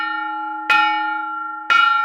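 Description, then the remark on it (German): A bell expert strikes a replica early medieval church bell, showing how a bell may have sounded about 1200 years ago, twice with a hammer about a second apart, each sharp strike blooming into a steady ringing hum of sustained overtones that carries through without fading between hits. “So etwa könnte eine Glocke vor 1200 Jahren geklungen haben.”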